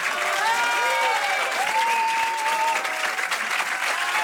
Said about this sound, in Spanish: Y así recibía José Luis Rebordinos, que dirige por última vez el Festival de Cine, una cálida ovación de despedida por parte de la Academia de Cine.